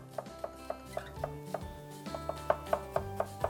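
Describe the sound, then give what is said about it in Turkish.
A knife finely chops half an onion on a cutting board in quick, steady taps, about fourteen strikes, growing slightly louder toward the end, with faint kitchen hum behind and no talking. “Yarım soğanımızı ince doğrayarak tavamızda soteleyip daha sonra mantarları ilave edeceğiz.”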